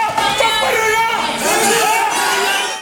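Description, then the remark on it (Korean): Democratic Party supporters cheer and shout together as the party's leadership candidates give speeches before party members, a dense, loud roar of many voices with individual raised shouts rising through it, steady for the whole few seconds. “지지자들의 환호와 고성이 뒤섞였습니다.”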